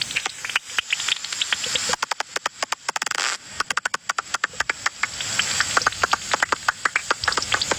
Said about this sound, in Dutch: Dit is dus de gewone dwergvleermuis.